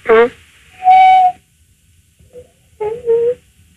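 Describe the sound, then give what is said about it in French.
A parrot whistles over a phone line in short tonal bursts: a harmonic squawk, a long steady high whistle, a gap, then two more warbling whistled notes. Thin, band-limited quality. “C'est un perroquet, hein? Croisé coucou pivert.”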